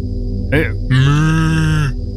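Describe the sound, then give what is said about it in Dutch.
A person imitates a cow as a task in the Belgian version of a TV competition, letting out a short grunt and then a long, loud, sustained moo lasting about a second, with nothing else around it. “Een week geleden moesten ze daar in een van de opdrachten een koe nadoen.”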